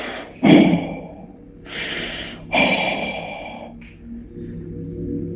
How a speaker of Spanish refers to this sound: Y de repente esa cosa que estaba ahí como que se agachó y avanzó hacia él. Y ya no escuchó el, sino que escuchó una respiración pesada.